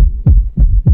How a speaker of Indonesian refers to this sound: Ini suara detak jantungmu saat tiba di sekolah.